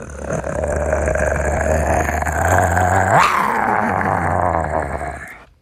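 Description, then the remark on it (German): A voice imitates a tiger's growl: one long, rough, rumbling growl held loud for about five seconds, rising briefly in pitch midway before settling back and fading out. “Und du musst die Tiere nachmachen. Oh ja, das mache ich total gerne, Frank. Toll, toll, toll. Ja, was denn für welche? Einen Tiger.”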